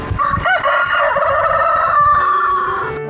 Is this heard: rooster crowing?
yes